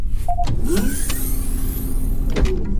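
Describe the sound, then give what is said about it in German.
The door of a shuttle hovering 1 metre above a cave floor slides open with a whirring motor hum and a couple of thuds, set against a steady low engine rumble, fairly loud. “Otto, öffnen Sie die Tür.”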